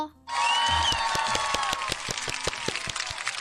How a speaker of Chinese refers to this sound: 掌声呢要来一波。